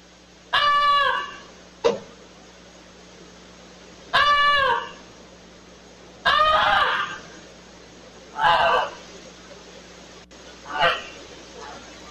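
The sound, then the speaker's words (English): A family's pet goose named Goosey honks five times in loud, harsh, nasal blasts with pauses between them, alerting the family that their barn is on fire; the later honks are shorter and raspier, over a steady low hum. “After several honks, the homeowner rushed outside and within minutes was able to put out the fire.”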